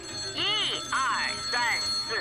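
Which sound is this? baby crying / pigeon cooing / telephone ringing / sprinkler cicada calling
telephone ringing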